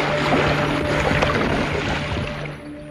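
A steady, loud churning rush of water with a constant low mechanical hum beneath it, a ship's propeller turning noisily at the stern as the ship approaches New York harbor, continuous and unbroken.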